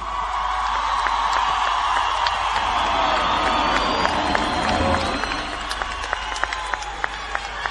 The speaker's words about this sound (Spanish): Fuerte ese aplauso, ustedes ya lo habrán visto ya mucho, sé que estuvo de fogón, pero hagamos de cuenta que es la primera vez que sube a este escenario.